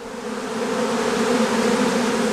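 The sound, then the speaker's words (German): A steady, dense hum of many honey bees buzzing around several honey bee colonies set up at a bee stand, a continuous drone with no pauses, fairly loud, with no voices. “Hier rechts von mir sind jetzt einige Honigbienenvölker aufgestellt”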